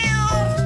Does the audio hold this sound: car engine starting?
no